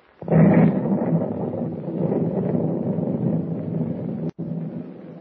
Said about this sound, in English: suddenly explosion after explosion shook the ancient vessel and flames shot up from the hold